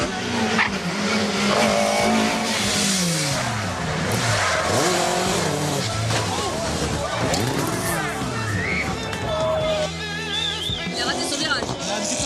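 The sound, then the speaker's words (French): Rally cars drift past at a historic rally, their engines roaring and swooping up and down in pitch while tires squeal and skid almost continuously, with faint spectator noise underneath. “Pendant que les voitures continuent à défiler et à drifter pour le plus grand plaisir des spectateurs,”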